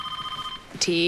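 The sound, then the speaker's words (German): A telephone rings in the surgical ward of the Johannes Thal Klinikum with a steady, warbling electronic trill, clear. Near the end a sharper burst cuts in and a different, louder ringing tone takes over. “Telefon.”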